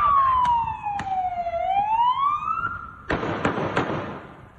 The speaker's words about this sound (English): You know, he's squirming, he's kicking, he's fighting. And then you'll hear the gunshots from the cop.